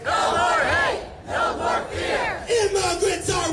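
A protest crowd in Portland, Maine, USA, against Immigration and Customs Enforcement (ICE) chants in unison, many voices rising and falling in loud rhythmic phrases with brief dips between them, the shouting steady and forceful throughout.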